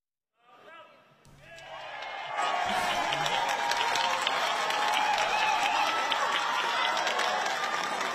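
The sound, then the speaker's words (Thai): A large crowd of Chadchart Sittipunt's supporters roars and claps during the election vote count, building quickly from a murmur into a loud, sustained wall of cheering and applause, with voices shouting within the noise. “ถ้าแสดงความดีใจคือเหมือนกับเหตุการณ์มันวนกลับมาอีกครั้งอะค่ะเมื่อปี65ก็กระโดดแล้วก็ทำแบบนี้ที่เจเดียมวันเหมือนกันท่ามกลางกองเชียร์เหมือนกันนะคะ”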